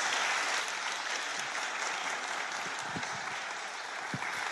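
Sustained applause from a sizable audience, a dense, steady wash of clapping that holds at an even, moderate level throughout with no voices standing out.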